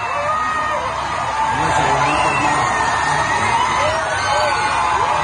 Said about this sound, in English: Oh, yeah. People literally screaming there